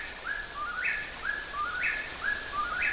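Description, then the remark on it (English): A whippoorwill, a bird of the nightjar family, calls over and over in northeastern Minnesota in a steady three-part rhythm, each clear whistled phrase rising at the end, with a soft hiss of leaves rustling in a light breeze behind it. “whippoorwills belong to a family of birds that are called night jars, and they're basically insect eaters.”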